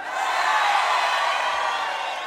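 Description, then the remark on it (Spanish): A small crowd of River football fans shouts and cheers together in a sustained, loud burst, voices blending into a continuous roar that holds steady for a couple of seconds. “Son poquitos, pero gritones los de River, ¿eh?”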